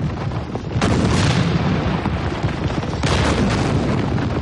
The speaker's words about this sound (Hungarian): Ne azt! Hanem a kettes ágyút! Tűz! Most az egyest! Tűz!